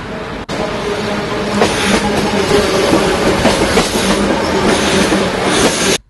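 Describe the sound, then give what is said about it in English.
A steam train rolls steadily along the rails with a dense, continuous rumble, rhythmic wheel clatter and faint metallic squeals, loud throughout with no voices. “Let's have a listen to the sound of a steam train.”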